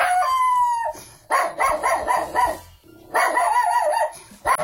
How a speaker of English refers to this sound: What do you reckon this dog breed is?